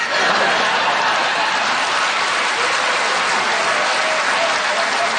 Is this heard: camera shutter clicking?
no